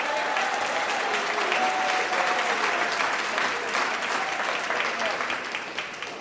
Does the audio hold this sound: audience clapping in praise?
yes